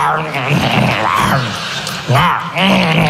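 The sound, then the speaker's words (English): A man's voice imitates a lion devouring a zebra, with loud, continuous growls, groans and gnashing grunts rising and falling for about three seconds, with a brief catch in the middle. “It's like the same, when you hear the sound of the lion eating the zebra and you hear all that.”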